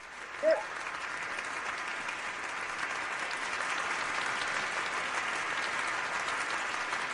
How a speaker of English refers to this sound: I hope you can hear all the applause in the room.